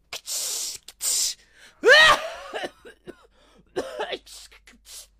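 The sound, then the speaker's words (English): Two short hissing bursts of a voice imitating a perfume spray, then a run of loud coughs and sputtering gasps, as if from using too much perfume, that trail off in smaller coughs. “You spray perfume and cough because you use too much.”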